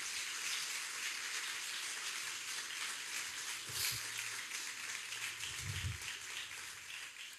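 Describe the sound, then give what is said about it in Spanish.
An audience applauds for Jesus in a steady, dense wash of clapping that holds at an even level for several seconds, with a faint low voice briefly rising beneath it midway. “Denle un aplauso a Jesús entonces.”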